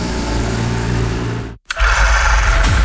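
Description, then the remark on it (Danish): A loud tractor engine at a Danish tractor pulling championship near Randers, Denmark, roars steadily with a throaty, buzzing drone, cuts out abruptly for a split second, then surges back at full power with a harsher, higher-pitched whine. “Danmarks vildeste hestekræfter samles til DM i traktortræk på Linde Pulling Arena”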